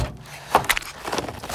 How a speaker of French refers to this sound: Dans la cuisine, j'ouvre la porte du frigo.